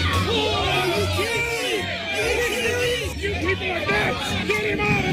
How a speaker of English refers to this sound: Yeah, there's video of it where the kid is just standing on the mound, gets ready to pitch, and then all of a sudden takes a left-hand turn and whips a fastball into the other team's dugout. Listen to the crowd go nuts here.